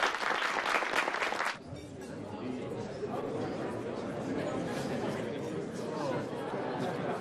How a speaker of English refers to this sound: On behalf of the Soviet Friendship Society, we applaud you.